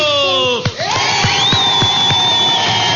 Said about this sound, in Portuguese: Pra quem acertou, pra quem tentou, palmas pra todo mundo!